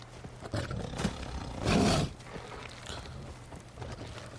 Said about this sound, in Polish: Jak mamy oswojone jakieś zwierzę większe, to ono odstrasza inne zwierzęta. Ryczy wściekle. Na przykład jakiś tygrys na innego tygrysa i tamten tygrys.